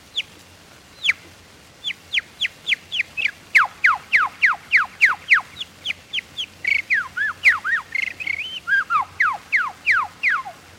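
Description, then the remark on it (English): A person whistles an imitation of birdsong, starting and stopping each tone with the lips: a rapid series of about twenty clear, descending whistled notes, fairly loud, with a brief warbling flourish near the end and no talking. “All birds, while singing, use their beak to start and stop the tone. I do the same with my lips.”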